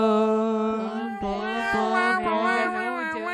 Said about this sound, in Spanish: ¡Otro gato!